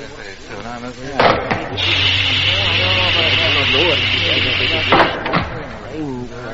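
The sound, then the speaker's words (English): A spaceship touches down on a nearby landing ground at a lunar colony: a sharp blast gives way to a steady, loud hissing roar over a low engine hum, cut off by a second burst, with faint voices murmuring underneath. “Meanwhile, Jet's ship had touched down on the nearby landing ground.”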